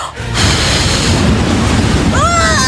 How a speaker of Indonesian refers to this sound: Wah, dari kuncup bambu keluar angin. Yes, raksasanya kepental.